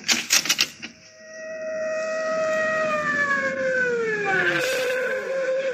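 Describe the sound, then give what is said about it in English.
A fire engine siren wails loud and steady, then its pitch slides downward as it winds down while the engine stops at a house that is on fire, after a brief burst of rapid clattering at the start. “The fire engine. I wonder why it's stopping here.”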